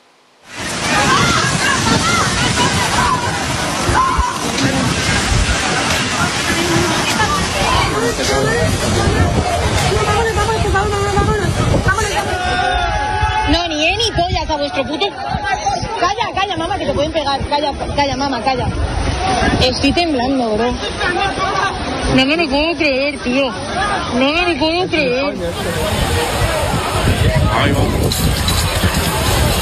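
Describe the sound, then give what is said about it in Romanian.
A loud, agitated crowd panics on a beach at Cartagena in southern Spain as a boat full of migrants lands on the shore: many overlapping voices call out continuously while waves slosh against the shore and the boat, the commotion unbroken throughout. “Panică pe o plajă din sudul Spaniei după ce o barcă plină cu migranți a ajuns pe țărmul din Cartagena”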